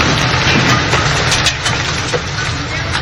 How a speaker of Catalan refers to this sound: La tempesta d'ahir va afectar la Costa Daurada i el Camp de Tarragona, com ja ho havia fet la de dissabte. Hi van caure calamarsa, pedra i grans quantitats d'aigua, com ho demostren els prop de 90 litres per metre quadrat, acumulats en 3 hores